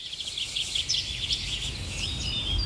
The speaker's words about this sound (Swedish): Ja, så här lät det under förra årets sändning av Fågelsångsnatten. En natt fylld av drillar, visslingar och sång från mängder av olika fåglar.